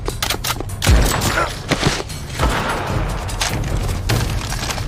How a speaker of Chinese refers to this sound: 有枪声，好像是寨子里。